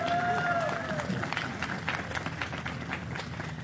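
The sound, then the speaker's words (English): An audience applauds a choir with dense, steady clapping that fills the whole clip, joined by a brief falling whistle near the start and faint cheering voices underneath. “One more round of applause for our choir.”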